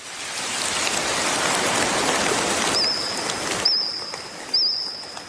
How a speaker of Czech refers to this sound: Mezinárodní tým vědců zrekonstruoval zvuky jurského hmyzu, tedy prapříbuzných našich kobylek a cvrčků. Jurský cvrkot podle nové studie mohl znít takhle.